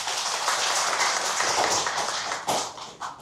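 A crowd applauds to welcome a noted Chinese flute and xiao collector on stage. Many hands clap at once for a few seconds in a dense, crackling wash, fairly loud and even, with a couple of sharper claps standing out near the end.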